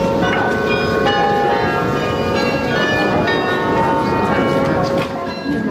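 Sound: church bells ringing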